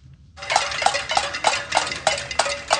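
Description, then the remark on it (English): Hundreds of protesters marching overnight in the streets of Havana, Cuba, bang metal pots in a steady, rapid rhythm, about three strikes per second, loud and ringing, with a crowd-like background wash underneath and no clear speech. “Hundreds marched in the streets of the capital of Havana overnight, banging pots, burning trash, and shouting, "Turn on the lights."”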